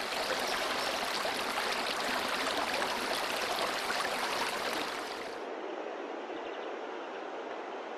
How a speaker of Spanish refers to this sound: El rumor que del agua se escucha en su profundidad embelesa los oídos, mientras que la contemplación del agua derrochándose y saltando entre las rocas anonada la vista.